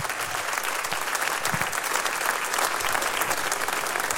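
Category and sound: crowd, audience applause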